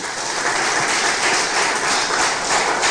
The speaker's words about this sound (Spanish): ¿Cuántos aman a su Padre? Otro aplauso, por favor, al Padre Celestial.